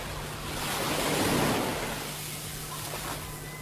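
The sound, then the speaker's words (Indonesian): Surf washes onto the white-sand tropical beach of Jiku Marasa on Buru Island, Maluku Province, in a broad, hissing rush that swells and then eases back, steady, with no voices, just the continuous roar of breaking waves. “inilah Pantai Jiku Marasa di Pulau Buru, Provinsi Maluku.”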